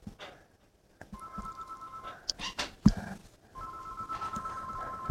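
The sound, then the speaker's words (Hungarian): A telephone rings in steady sustained electronic tones, two long ring bursts separated by a short gap with some clattering noise in between, moderately loud. “Na, csöng a telefon.”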